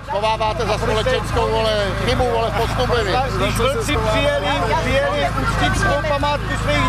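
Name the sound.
protesters shouting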